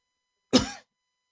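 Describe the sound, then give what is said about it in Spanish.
A single short, harsh cough from the speaker bursts out, lasting about a quarter second, with silence before and after it. “Miren nomás, hasta me anda dando la tos.”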